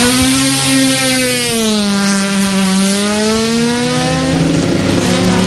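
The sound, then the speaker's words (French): A rally car engine revs hard and accelerates at the start of a rally, its pitch dipping then climbing steadily over several seconds, loud with a gritty, roaring tone and no voices. “Là, on peut entendre l'autoralie quand il fait des ordres comme ça, là, nous y aime.”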